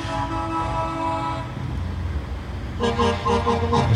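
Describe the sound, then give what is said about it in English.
Tip trucks and heavy haulage trucks rumble past in a parade down Elbow Street with a deep engine drone, loud air horns blaring in a long sustained blast, then a short lull before another chord of horns sounds. “So all varieties and tip trucks and heavy haulage trucks move down Elbow Street to the admiration of the people who come out to watch”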